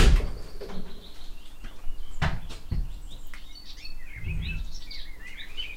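A door is unlocked and opened with a few sharp metallic clicks and clunks, while birds chirp and tweet softly in the background. No one speaks.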